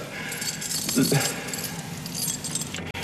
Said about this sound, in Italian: Ha buttato via le chiavi per farmi capire che non è più la padrona.